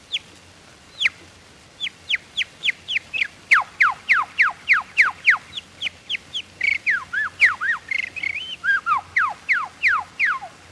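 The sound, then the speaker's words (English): A person whistles an imitation of birdsong, starting and stopping each tone with the lips: a quick, steady run of about two dozen bright, downward-sliding notes, clear, with a few warbling flourishes and no talking. “All birds, while singing, use their beak to start and stop the tone. I do the same with my lips.”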